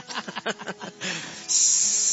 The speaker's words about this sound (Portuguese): A chaleira tá aí.